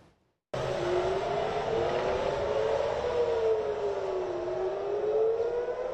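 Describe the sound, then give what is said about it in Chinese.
A loud air raid warning siren wails continuously in Tel Aviv, Israel, in the early morning after a missile fired from Yemen toward Israel was detected, its tone slowly rising and falling in long sweeps, with a steady rumble of background noise underneath and no voices. “八号清晨，以色列特拉维夫响起警报。”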